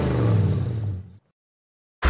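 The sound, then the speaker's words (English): A 5-litre Commodore VK car engine revs loudly for just over a second with a deep rumbling growl, then cuts off abruptly into silence before a brief burst of noise at the end. “when I get into my Commodore VK-Kello 5 liter, I listen to 106.9 Gove FM”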